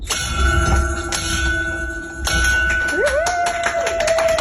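A patient rings a bell to mark the end of her treatment: it is struck a few times, its ringing tones sustaining and overlapping, then a rising voice-like whoop and a burst of clapping join in toward the end.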